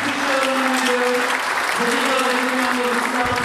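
Sustained applause from a large audience fills a hall, congratulating Jan Přeučil on being named charming personality of the year; a dense steady clatter of clapping with faint tonal hum beneath, continuing without pause throughout.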